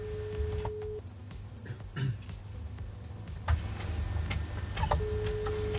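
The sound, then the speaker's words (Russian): A telephone ringback tone sounds twice, a steady one-second beep, then a long pause before the next, over a low background hum with faint clicks and ticks, as Bim-radio calls a listener live on air to congratulate her on her birthday. “Давайте позвоним уже нашей имениннице и поздравим ее.”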